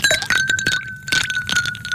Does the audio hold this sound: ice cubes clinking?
yes